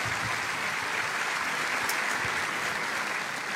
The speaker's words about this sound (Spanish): Les enviamos un abrazo, hermanos, allá donde te encuentras, y también un caluroso aplauso de bienvenida para todos ustedes.